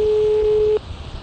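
A single steady electronic telephone ringing tone sounds for just under a second, clear, then cuts off, leaving only faint background hiss. No one speaks.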